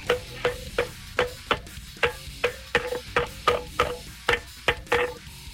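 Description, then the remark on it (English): Metal pots and pans are banged together in the morning to wake the neighbors, by a caller in Elma: a steady run of about a dozen sharp, ringing hits, each fairly loud, with no voices. “What are you going to use to wake the neighbors this morning? Some pots and pans.”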